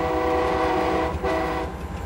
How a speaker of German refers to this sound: Nach Jahren der Mühsal haben die Eisenbahnfreunde ihren Spaß mit der Lok.